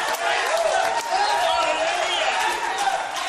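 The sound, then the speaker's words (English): An audience claps their hands to give God the glory during worship, a dense, continuous wash of sound, with many voices calling out and mingling with the clapping at a steady, loud level throughout. “I want you to take a moment to open up your mouth, clap your hands, give God the glory in the place.”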